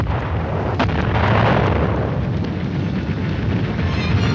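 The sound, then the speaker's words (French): Loud explosions of the Korean War rumble continuously, a dense low roar of blasts and booms with a sharper crack early on, heavy and unbroken throughout, with no voices. “Voici 3 ans, en effet, plus de 3 ans même, les premières explosions éclataient dans ce qui avait été le pays du matin calme.”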